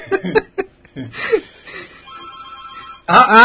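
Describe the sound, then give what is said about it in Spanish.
A telephone rings with a steady electronic trill lasting about a second, following a brief burst of voices and clatter; a loud, bright burst of laughter or chatter cuts in right after. “Guarda que tenemos funcionando el teléfono 420-099, gracias al servicio de la cooperativa”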